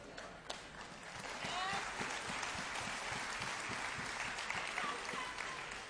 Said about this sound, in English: Oh, you should have clapped a lot louder for that.